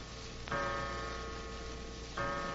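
household object, clock chiming the hour

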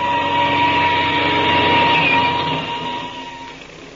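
vehicle, airplane engine starting up

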